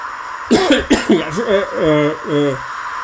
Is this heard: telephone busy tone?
no